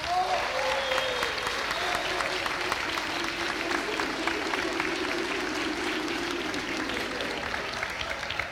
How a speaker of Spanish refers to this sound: Por favor, un aplauso para ellos.